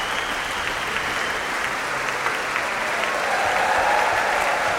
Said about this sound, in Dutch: Applaus nu voor Fagot, Pieter Nuiten onder andere.